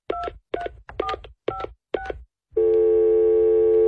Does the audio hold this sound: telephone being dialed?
yes